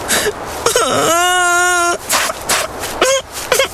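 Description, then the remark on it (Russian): A narrator's voice imitates a hare crying bitterly: a drawn-out, wavering wail followed by a couple of shorter sobbing whimpers, fairly loud, with no other sounds around it. “Идет зайчик, горько плачет.”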